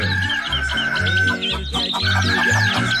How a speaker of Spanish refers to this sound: Ey, levanté, pues, a ver, hombre, que ya cantó el gallo, hombre, levanté, sí, a ver.